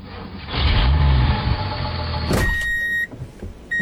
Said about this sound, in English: You hear the diesel. You feel the ground move.